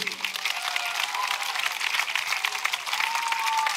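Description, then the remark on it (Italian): Sustained applause from a sizable audience at Radio Italia Live Estate for the musicians on stage with Serena Brancale, a dense, steady wash of clapping at moderate volume with faint cheers or voices rising briefly through it. “Fate un applauso a questi musicisti.”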